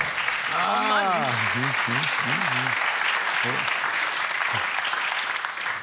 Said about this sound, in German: Ihr müsst ja nicht klatschen, das war falsch. Ist nur die Schadenfreude der anderen, die zu Applaus führt.